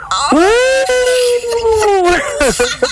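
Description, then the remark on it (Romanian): Voices imitate a wolf howl, a single long, loud tone that swoops up, holds steady for about two seconds, then drops away, followed by a few short vocal bits. “Totuși, nu facem și noi ca lup.”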